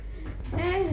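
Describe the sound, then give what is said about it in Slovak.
A single drawn-out dog bark with a whining, rising pitch, moderately loud, heard alone with no one talking. “Počula som akési brechanie.”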